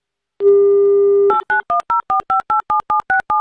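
A steady telephone dial tone hums for about a second, then gives way to a quick, even series of about a dozen short two-pitch dialing beeps as the radio station Avtoradio calls a listener in Moscow for its game "Mnogo deneg", loud and clear with no voices.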